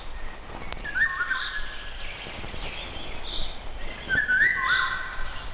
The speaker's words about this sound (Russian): Песня коротка и грустна по складу. В июньском предзакатном лесу после короткого летнего дождя во влажном воздухе хорошо слышна песня Иволги.